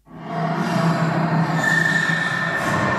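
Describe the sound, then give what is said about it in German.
A drawn-out creaking squeak made as a spooky sound effect, drenched in heavy added reverb, its shrill tones smeared into a steady, echoing wash for about three seconds, as if in a huge hall. No talking. “Der Effekt heißt Hall. Das Quietschen klingt jetzt so, als wäre es in einem ganz großen Raum.”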